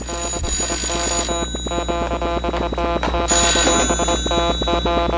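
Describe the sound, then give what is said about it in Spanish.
A telephone rings continuously with a rapid, metallic bell trill, loud and steady throughout, with no voices present. “De pronto, el tintineo del teléfono los hizo reaccionar.”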